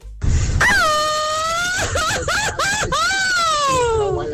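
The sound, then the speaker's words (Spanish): A drunken Mexican grito: a long, loud celebratory wailing yell with warbling, yodel-like breaks in the middle. It slides up and trails down into a drawn-out drunken cry, delivered alone. “Y dos cheves nomás y ya empiezan a gritar así.”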